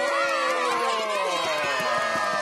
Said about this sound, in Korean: 정말 놀라운 마술이었습니다. 멋진 마술을 보여주신 우리 마술사님께 박수! 박수!